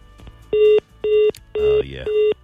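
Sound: phone line tones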